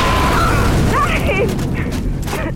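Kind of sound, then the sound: sound effect, mine explosion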